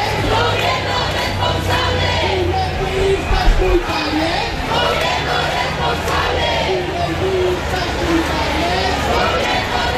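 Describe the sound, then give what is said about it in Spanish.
Thousands of people called by tenants' unions march through central Madrid on a hot Sunday (27 °C) demanding the right to housing and lower prices, a dense, steady roar of many voices with chanting and shouted calls rising and falling throughout, loud and continuous. “Con el lema "La vivienda nos cuesta la vida, bajemos los precios", miles de personas de diversos colectivos convocadas por los sindicatos de inquilinas recorren en estos momentos el centro de la capital.”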